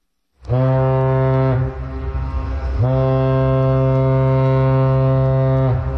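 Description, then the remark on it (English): A deep, loud horn of a giant cargo ship sounds in long blasts: one sustained low blare, a brief dip, then a second long blast that holds steady to the end, rich with harmonic overtones. No voices. “Those giant cargo ships keep global trade moving, but they also produce a huge amount of greenhouse gas emissions.”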